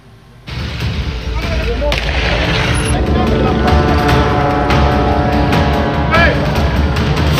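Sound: firecrackers exploding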